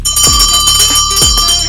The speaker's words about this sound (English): In the studio today. So yeah, we're starting with a bell.